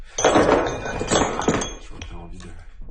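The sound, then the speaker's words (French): A hammer strikes metal or stone in a few sharp, bright clinks at an uneven pace, each hit ringing briefly before fading, with a low murmur of voices underneath. “Tiens, un autre marteau.”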